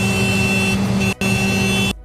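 A tractor horn, mounted on the side of the tractor, blares in two long, loud honks with only a split-second break between them, a steady, brassy buzzing tone that holds one pitch throughout, sounded as the signal to start an early-shift breakfast. No one speaks.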